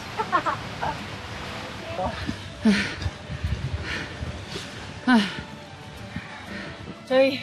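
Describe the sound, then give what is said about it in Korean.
Heavy, ragged panting from someone out of breath while hiking on a mountain more than 3,000 m above sea level in Peru: three loud, rasping gasps spaced a couple of seconds apart, with softer breathing and rustling noise filling the gaps. “저희 PD님이 많이 힘드신가 봐요. 거친 숨소리가.”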